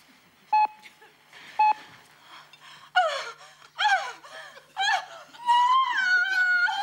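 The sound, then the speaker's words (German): Two short electronic beeps, then a woman performs exaggerated, lustful panting: a series of breathy gasps and moans with swooping pitch, growing louder and ending in a long, sustained moan. “Jetzt machen wir weiter mit lustvollem Keuchen.”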